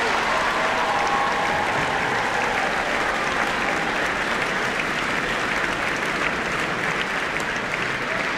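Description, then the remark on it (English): Sustained audience applause fills the whole stretch, a dense, steady wash of many hands clapping at once, loud, with no pauses or breaks. “Big round of applause.”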